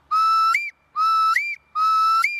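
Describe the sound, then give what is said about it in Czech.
At Horečky, a person imitates a female tawny owl's reply call, showing children how to identify the owl: three loud, whistled 'kewick' notes in steady succession, each a level tone that jumps sharply upward at the end, with short silences between. “Zatímco samička odpovídá.”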